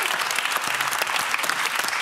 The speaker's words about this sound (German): Da solltet ihr alle mal ganz laut klatschen. Ja?